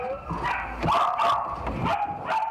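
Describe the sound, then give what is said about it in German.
Puppies kept in boxes at a Belgian dog dealer bark and yip over and over, their high-pitched, overlapping yaps coming in quick, uneven bursts with a few whiny notes mixed in. No one speaks. “Die Welpen werden hier in Boxen gehalten, in denen sie nichts von ihrer Umwelt mitbekommen.”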